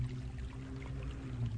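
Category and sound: nature, creek water flowing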